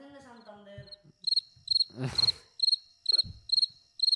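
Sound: crickets chirping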